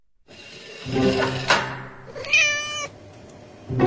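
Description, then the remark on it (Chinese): A brown mixed-coat cat yowls in two drawn-out, wavering meows, the second higher and more strained, loud with a brief pause between them and no talking. “你这只棕色的杂毛猫，上次还冲着我叫，这次可没毛帮你了。”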